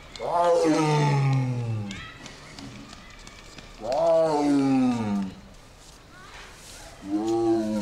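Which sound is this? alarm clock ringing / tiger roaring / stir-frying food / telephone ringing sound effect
tiger roaring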